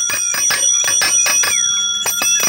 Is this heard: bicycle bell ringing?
yes